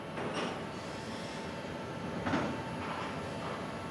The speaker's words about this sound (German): steuert den Kran, der die Container gleich auf den Zug setzt.